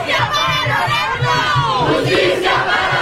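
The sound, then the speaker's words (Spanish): A large protest crowd in Magnolia Park, a Mexican-American neighborhood of Houston, Texas, shouts a chant for justice in unison, voices rising and falling in a steady rhythmic cadence with loud, dense overlapping voices throughout. “Magnolia Park, un barrio considerado como emblema de la comunidad mexicoamericana en Houston, Texas, es ahora lugar de protestas, vigilias y clamores de justicia.”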